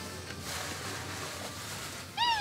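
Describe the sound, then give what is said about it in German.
A single street cat in Kotor meows briefly near the end against a steady outdoor background hiss, with no voices present. “Heute bewahrt Daniela Knežević Kotors Katzen vor Krankheit und Ungemach.”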